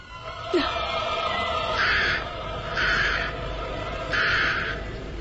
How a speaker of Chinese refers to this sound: 就叫这乌鸦飞到你坟顶上，娘有话对你说。